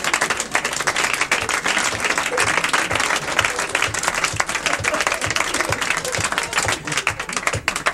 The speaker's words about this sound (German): Jetzt klatscht er doch.